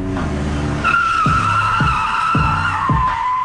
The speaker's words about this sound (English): And then a vehicle, like, you know, with exhaust, pulls up into the alley while they're drinking their brew.